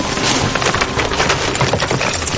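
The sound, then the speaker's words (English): Ewes (female sheep) scampering over rocks by a river as they head to the water, their hooves making a rapid, dense, irregular clatter of sharp clicks and knocks that stays loud and steady throughout, with no voices. “Listen carefully, though, and you'll hear the sounds of the ewes, the female sheep, scampering over the rocks as they head to the water.”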